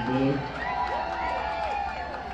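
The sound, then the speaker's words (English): A baseball crowd roars and cheers, backing pitcher McCollum and the Biscuits, who lead 9-2 with the Shuckers down to their final out, in a steady, sustained wash of voices, with a few rising whoops and shouts standing out over the continuous din. “Crowd backing McCollum and the Biscuits.”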